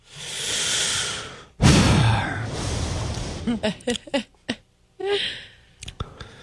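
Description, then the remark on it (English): Breathy mouth noises: a long exhale and a sharp gasp, then a quick run of wet clicks and smacks like loudly chomping peanuts right into a microphone, apparently a voice imitating it. “People who eat peanuts and just chomp them in the into the microphone.”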